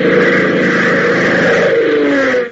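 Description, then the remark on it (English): A twin-engine C-47 transport plane arriving at the Lakeville Airport drones loudly and steadily, its piston engines humming with a throbbing, buzzy tone that sinks slightly in pitch before the sound abruptly cuts away. “has suddenly been interrupted by the arrival of a twin-engine C-47 transport at the Lakeville Airport”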